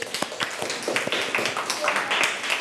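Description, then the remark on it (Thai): A group of children clapping hands in a classroom, a dense, uneven patter of claps lasting a few seconds, with some voices mixed in underneath, applauding a classmate for naming viruses from the textbook. “ไวรัสไข้สมองอักเสบดีมากๆเลยปรบมือ”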